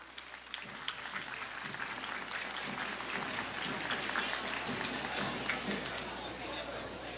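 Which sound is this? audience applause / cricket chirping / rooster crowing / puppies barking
audience applause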